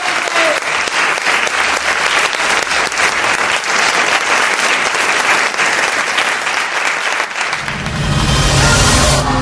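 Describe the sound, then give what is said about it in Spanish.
A crowd applauds loudly, a dense steady patter of many hands clapping for several seconds, then a louder, fuller burst near the end as the applause swells. “Os pido un aplauso y te doy las gracias por ser conmigo.”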